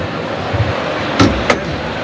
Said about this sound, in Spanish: Ahí está el cerrojo que se abre. Se abre la puerta de toriles, la central de esta meseta de toriles.